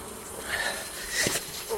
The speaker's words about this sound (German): Wespen.